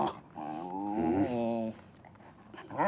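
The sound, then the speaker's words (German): A detection dog in training whimpers in a long, wavering, high-pitched whine, then lets out a short rising whine a moment later, fairly loud, with no one speaking; during a search it has passively indicated pyrotechnics hidden at a desk. “Der Hund kam in der Grobsuche zu dem Schreibtisch, wo die Pyrotechnik versteckt ist, hat sicher angezeigt, passiv.”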